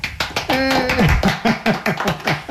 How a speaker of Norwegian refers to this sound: For vet du hva? Nå har jeg kun 3 masker igjen, og så er jeg ferdig med gensen! For litt applaus.